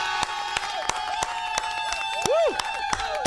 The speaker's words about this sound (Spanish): Señores, un aplauso para Doge.